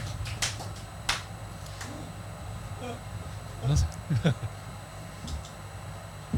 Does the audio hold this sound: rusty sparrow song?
no